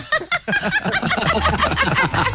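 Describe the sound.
Several people mimic a rooster's crow with their voices, the squawky calls tangled with snickering laughter, loud for a couple of seconds.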